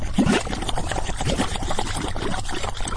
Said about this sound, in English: These are mud pots. They look like little volcanoes spitting gray mud.